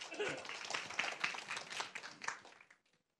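An audience applauds to welcome a lecturer who is about to present at a forum, with dense, steady clapping for about two and a half seconds, then the clapping thins out and fades to silence.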